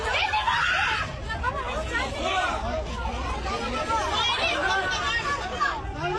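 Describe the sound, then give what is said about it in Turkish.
Many passengers wearing life jackets cry out and shout over one another in panic aboard a ship sinking off Girne, a loud, continuous commotion, with high-pitched screams rising repeatedly above the crowd's chaotic din and a low rumble underneath. “Can yeleği takmış yolcuların panik içinde çığlık attıkları görüldü.”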